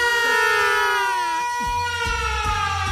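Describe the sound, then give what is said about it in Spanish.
A loud siren wails steadily, its rich harmonic tone sliding slowly in pitch, with low thumping bursts underneath in the second half. “Si usted está dentro de los 49 oyentes, escuche esta sirena porque llega el momento de entregar la polla.”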